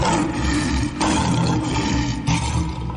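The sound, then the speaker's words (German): A lion roars loudly, a deep rumbling growl that runs without pause and surges in a few heavy pulses, with no voices. “Wenn ihr bei der Radio Gütersloh Safari besteht, da haben wir heute Morgen einen Löwen gesucht”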